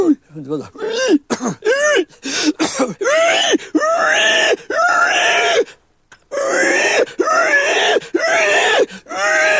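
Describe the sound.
A person vocally imitates a dying pig, a sound made largely from the larynx: a run of short, strained squeals gives way to longer, harsh, wavering shrieks and groans, loud and separated by brief breaths.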